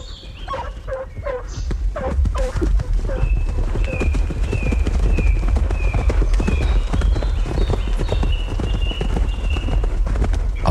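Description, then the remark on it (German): Horse hooves pound in a fast, steady gallop over a low rumble as a count rides his 3-year-old chestnut horse, Satan, behind a pack of hunting hounds chasing a poacher, across a clearing and through pine woods up to an oak grove. The hounds bay and yelp. High, repeated cries carry on above the hoofbeats throughout. “Der Meute Geläut und Hufe Gedröhn schallt durch die Flur,”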